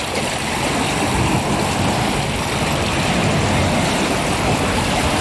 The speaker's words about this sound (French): Le clapotis de l'eau et une petite horde de goélands argentés qui virevoltent autour de moi.